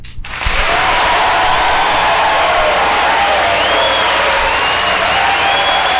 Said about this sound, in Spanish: Oye, aplausos para Perú, eso me gusta.